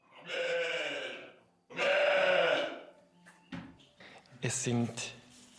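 Rescued Valais Blacknose wool sheep, mixed with Jacob sheep, bleat loudly, two long, wavering cries one after the other, followed by a few shorter, choppier calls and rustling noises.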